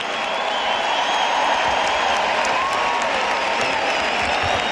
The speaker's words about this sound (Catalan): aplaudiment per la penya, penya!